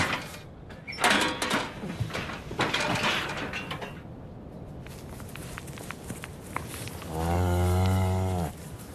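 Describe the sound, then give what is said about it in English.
A cow gives one long, loud moo near the end, following several seconds of clattering footsteps and hoof knocks on a hard floor as the cows are let out, with scattered rustling and bumping in between. “Yeah, but Jeremy's always been, it's always been his favourite cow.”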